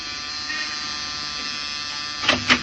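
A door buzzer drones with a steady, harsh electric hum, then two short, louder bursts sound near the end. No one speaks.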